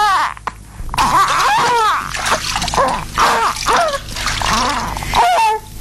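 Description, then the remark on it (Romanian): Water sloshes and splashes as a baby girl is bathed in a golden tub, with steady bursts of dripping and pouring that carry on for several seconds. “Să scăldăm copila. Cada e de aur, lucrat într-adins la focul încins.”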